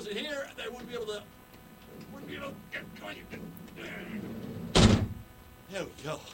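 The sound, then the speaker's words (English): A big, heavy door closes with a single loud, deep thud near the end, booming after a stretch of people talking. “Hey, there we go. Big ass door.”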